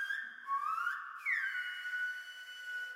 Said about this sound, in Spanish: Era una pieza audio reactiva al sonido, es decir, el cuerpo y la iluminación del cuerpo, que era como el alma, reaccionaba al silbo y al canto, que yo silbo y canto y el cuerpo se va, la luz se va reaccionando como si fuese el eco.